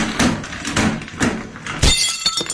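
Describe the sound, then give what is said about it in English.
A few dull knocks as a shower screen comes off its tracks, then glass shatters loudly as it smashes a mirror, a sharp crash followed by tinkling shards settling, with no talking. “The shower screen's finally come off the tracks and smashed the mirror.”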